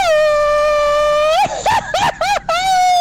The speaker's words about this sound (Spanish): Un excelente grito para unos tres grandes reyes.